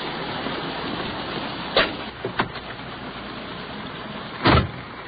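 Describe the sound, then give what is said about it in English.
Steady hiss of rain on a wet, slushy street as a police car door opens, a couple of small knocks follow, then a solid thump as the door shuts. No one speaks. “Let's hustle on back to our police car.”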